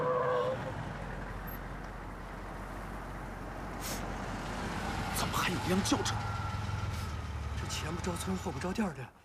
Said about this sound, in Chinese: 卡车车队过来。